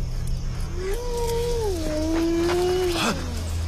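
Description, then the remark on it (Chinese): A single drawn-out wolf howl in a Chinese radio drama, steady and mournful, wavering gently in pitch before dropping away at the end, heard over a low, continuous rumbling background. “有狼！”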